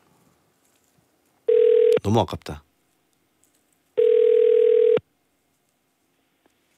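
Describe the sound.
A telephone line tone sounds twice, each a steady one-second electronic beep with a long pause between, loud, with a short burst of speech just after the first tone.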